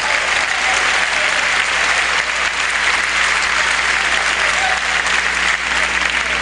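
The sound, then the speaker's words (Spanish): Loud, sustained applause from a large audience, clapping loudly for God, the King of kings, a dense wash of clapping that stays steady and full for several seconds with no voices standing out. “Aleluya, dele fuerte el aplauso.”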